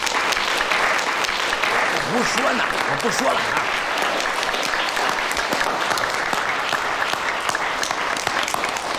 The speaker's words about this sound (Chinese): 我们之后都要认真练功，好好学习，天天向上。 鼓掌！